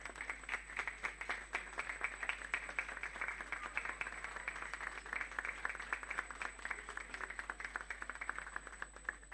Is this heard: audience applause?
yes